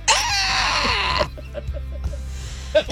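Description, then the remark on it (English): A strained, raspy attempt at a scream with empty lungs, one harsh, high, airless burst of about a second, then falling off into faint gasps and small catches of breath. “you have to let all the air out of your lungs and then you have to try to scream.”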